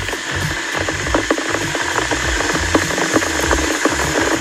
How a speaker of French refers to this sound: Alors, qu'est-ce que c'est, à votre avis? Une bouilloire. C'est une bouilloire, tout à fait, effectivement, qui peut nous être utile pour préparer le thé ou le café ce matin.